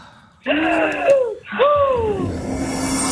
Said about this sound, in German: Ich atme ein, ich atme aus. Macht das bitte auch.